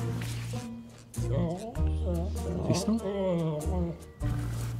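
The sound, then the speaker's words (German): A young wolf, at most one year old, growls low and steadily, the rumbling continuing beneath a man's voice speaking over it, fairly loud. “Und was ist mit dem Wolf? Da ist wirklich ein Wolf drin.”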